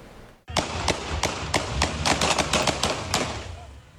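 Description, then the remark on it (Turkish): A rapid burst of sharp gunshots rings out outdoors as police fire warning shots at a car that failed to stop, on İkinci Hürriyet Caddesi in Küçükçekmece; about a dozen loud cracks in quick irregular succession echo off the surroundings, with traffic-like rumble underneath. “Polis ekipleri dur ihtarına uymayan otomobile uyarı ateşi açtı.”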